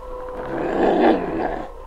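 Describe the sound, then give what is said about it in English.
A single howl from a lone female wolf up on top of a hill, rough and sustained, swelling to a peak and then tapering off over about two seconds, fairly loud with no voices. “Sergeant, you hear that? Yes, a wolf howl.”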